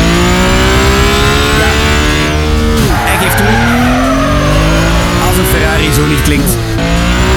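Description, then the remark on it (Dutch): A loud Ferrari sports car engine roars continuously, its pitch sweeping up and down through gear changes, with a brief squeal of tires partway through. “Dat zou aan de prijs kunnen liggen natuurlijk, maar misschien ook omdat het een elektrische Ferrari is en die onmogelijk zo kan klinken.”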